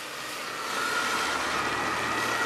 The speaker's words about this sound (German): Ja, wir stehen hier aktuell in Wittenburg an der Hauptstraße und man hört es und sieht es vielleicht, es fahren immer noch einige Einsatzfahrzeuge vorbei.